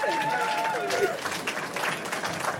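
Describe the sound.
An audience at a live Radio 1 broadcast in the Park am Gleisdreieck applauds in a dense, steady wash of clapping that lasts the whole moment, with a brief high whistle-like tone and crowd voices mixed in near the start.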